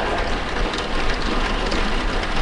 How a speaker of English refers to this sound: I think the rain falling, it's so calming and soothing, and especially here where we live in Tucson, it's always dry and hot outside, and when it rains, it's like a blessing.